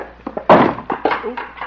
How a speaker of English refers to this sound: Didn't mean to knock over the chair. I'll get it.